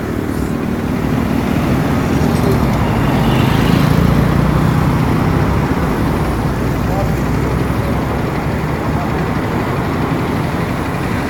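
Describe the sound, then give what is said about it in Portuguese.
Steady low rumble of car engines idling and slowly moving on a road as cars stop for animals on the road, continuous, with indistinct voices mixed into the traffic noise. “Aqui na pista, amarrado, os carros parando, viu?”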